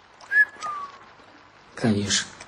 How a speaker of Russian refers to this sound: Толя посмотрел на Витькино белое лицо, присвистнул.